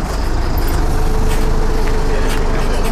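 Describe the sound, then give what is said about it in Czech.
A city bus in Chotěboř, Czech Republic, pulls away on its first public-transport run with three passengers aboard, its engine droning loud in a steady low rumble with a high hiss above, holding level across the few seconds. “Tak vyjíždíme.”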